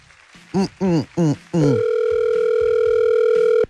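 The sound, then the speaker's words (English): Three quick beeps followed by a steady, unbroken phone ringback tone of an outgoing call, lasting about two seconds, fairly loud, with faint voices murmuring underneath. “His phone loud today.”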